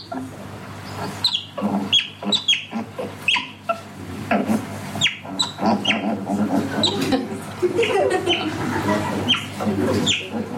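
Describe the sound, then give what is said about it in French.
An otter's shrill whistles sound again and again, short high squeaky calls coming in irregular bursts over a steady low hum, with no voices. “La loutre, mammifère carnivore semi-aquatique, aux pattes palmées, mangeur de poissons, devenu rare, car il est activement chassé pour sa fourrure, son sifflement est strident.”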